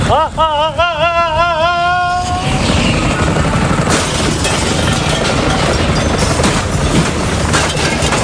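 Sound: helicopter rotor noise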